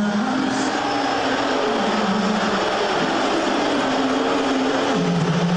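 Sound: crowd booing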